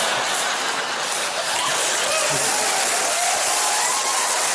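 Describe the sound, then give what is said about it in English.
An audience at a comedy show in Melbourne claps steadily, a dense, continuous patter of many hands that holds at an even, fairly loud level for several seconds, with a faint murmur of crowd voices underneath. “Hey, the more you clap, the less crap jokes I have to tell.”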